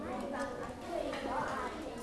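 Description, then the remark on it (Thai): A classroom of people claps for the representative of group 3 after the group's presentation, a steady, dense patter of moderately loud applause with a murmur of voices mixed underneath. “ได้เรียนโอเคอ่ะจบนะแค่นี้กลุ่ม3ได้มาแค่นี้ปรบมือให้ตัวแทนหน่อย”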